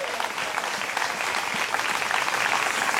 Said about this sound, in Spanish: Denle un aplauso al Señor en esta hora.